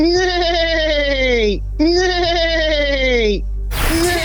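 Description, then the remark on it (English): During a quiz round, a person imitates a horse neighing with two drawn-out, wavering vocal whinnies, each about a second and a half, sliding downward in pitch, followed by a brief noisy burst. “Give us 3 seconds of a horse neighing.”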